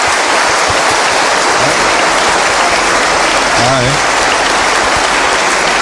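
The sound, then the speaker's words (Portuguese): A crowd claps steadily for the visitors, a dense, loud patter of hands filling the whole clip, with a man's voice briefly speaking over it near the end. “Muito bem, obrigado aí, uma salva de palmas que nos visita.”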